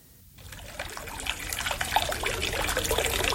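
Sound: water trickling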